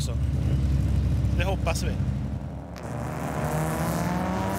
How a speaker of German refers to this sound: Ein unbekanntes Rennauto.